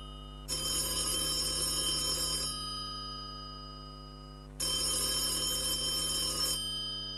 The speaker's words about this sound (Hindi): एकाएक मैं चौंक उठा, टेलीफोन की घंटी बज रही थी।